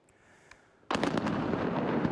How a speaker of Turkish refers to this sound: Bu arada Romanya'nın Karadeniz kıyısındaki Köstence Limanı'nda bir insansız deniz aracında patlama meydana geldi.